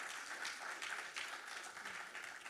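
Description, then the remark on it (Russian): Sustained audience applause for young performers at a concert, a dense steady wash of many hands clapping at even loudness throughout, with no voices standing out. “Дорогие друзья, благодарим вас за аплодисменты.”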